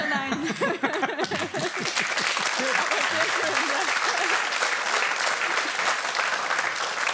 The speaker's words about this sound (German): der Applaus ist pure Erleichterung, dass du den Satz zu Ende gebracht hast.